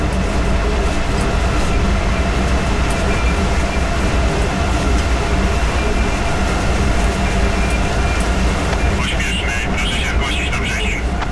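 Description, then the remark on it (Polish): A fast-running express train roars at 160 km/h with a steady, loud rumble, and a sustained high whistling tone rides on top throughout, joined by a brief fluttering hiss near the end. “Ja uwielbiam ten gwizd taki.”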